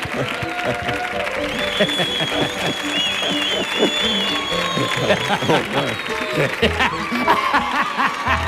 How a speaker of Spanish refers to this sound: Fuerte el aplauso